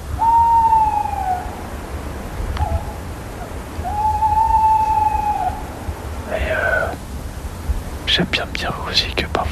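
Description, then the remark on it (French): An owl in a tree gives long, steady whistled notes, evenly spaced and unhurried, heard from a few metres away over a soft hiss of outdoor background, followed by a few brighter, sharper calls near the end. “Elle va continuer à chanter tranquillement. Alors là, on se met pas au pied de l'arbre.”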